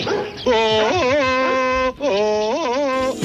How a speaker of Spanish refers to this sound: Pero vamos a ver, que es un perro, no es un mono, ¿eh?